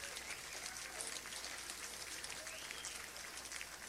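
Steady, dense applause from a large outdoor crowd at a live blues music event in Heritage Park on a gorgeous day, a continuous wash of clapping that holds at an even level throughout, with no voices standing out.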